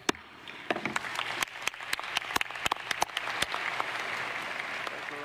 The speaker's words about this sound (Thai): เสียงเคาะค้อนของนายลีบยองฮยอนประธานคณะกรรมการมรดกโลกในการประชุมสมัยสามัญครั้งที่48ที่เมืองปูซานประเทศเกาหลีใต้นี่เป็นสัญญาณของความสำเร็จนะคะที่คนไทยรอคอย